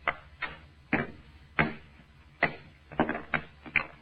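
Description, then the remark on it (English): A hammer strikes stone repeatedly, about nine sharp, hard knocks at an uneven pace, each a bright crack that fades quickly, with no voices in between. “All I'm going to do is try and break it along this fissure. See, I had a hammer and a stone.”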